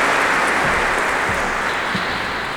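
A crowd claps steadily, a dense, continuous wash of hand claps at fairly high level with no voices standing out, holding evenly for a few seconds.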